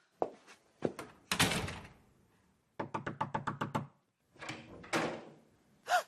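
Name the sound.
door closing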